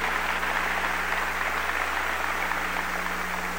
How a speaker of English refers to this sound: He will be receiving a Distinguished Humanitarian Award from the Nation of Islam. He's not present due to another prior engagement, but let's give him a warm round of applause, Lionel Hampton.